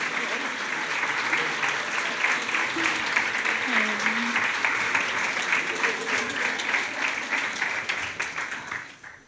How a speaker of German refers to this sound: Und vielen Dank für den tollen Applaus. Richtig gute Energy hier, oder?